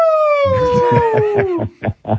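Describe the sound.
A voice imitates the whooping of bachelorette parties in Nashville: one long, loud, high 'woo' that slides steadily downward in pitch over other voices, followed by a few short vocal bursts.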